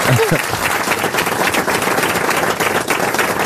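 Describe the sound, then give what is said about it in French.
A loud, dense burst of applause from an audience, steady clapping filling the whole stretch, with a brief voice or cheer audible at the very start. “On applaudit Tramoni.”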